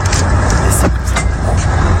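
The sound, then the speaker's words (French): A loud, steady roar of rushing wind with deep low rumble and brief gusty surges from a dust devil whirlwind over fields at Frégeville near Castres in the Tarn, France, in fine, lightly windy weather. “Tiens, on écoute ce Dust Devil.”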